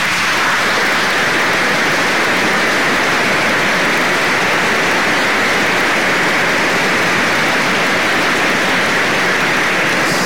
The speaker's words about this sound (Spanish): ¿Qué les parece si antes de que recemos el Ángelus, a todos ellos les damos una cordial bienvenida con un aplauso?